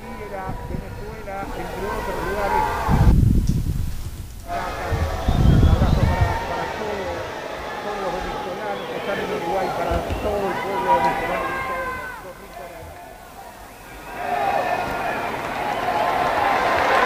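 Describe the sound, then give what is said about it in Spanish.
A large stadium crowd in Guadalajara applauds during a minute's silence for the victims of earthquakes in Venezuela, with the Spain and Uruguay teams lined up, to drown out people breaking the silence, in a steady, dense wash of clapping and murmur that fills the whole stretch, while a voice talks over it. “Y el público, para evitar eso, ha empezado a aplaudir para que no se produjera un efecto contrario.”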